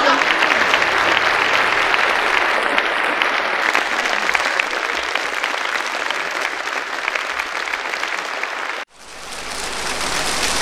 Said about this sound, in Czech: Vážení a milí návštěvníci, nezlobte se na mě, ale tleskáte prabídně. No tak ne, já bych to nestavila tak ostře. Já bych řekla, milí návštěvníci, tleskáte jak ten zelený mužík na topole.